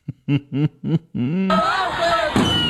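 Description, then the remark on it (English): A woman fan bangs a drum throughout an Oakland sports game at the stadium: five quick, evenly spaced hits blended with chanting voices, then the beat gives way to a steady, loud roar of crowd noise. “Can you imagine sitting next to that woman banging on a drum the whole game?”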